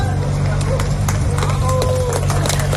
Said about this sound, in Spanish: Y con aplausos han introducido a la rescatada en la ambulancia.